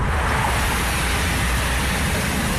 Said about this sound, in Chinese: 杭瑞高速是云南全省车流量最大的通道之一，今天迎来返程高峰，车流量持续高位运行。